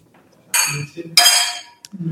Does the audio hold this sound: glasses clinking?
yes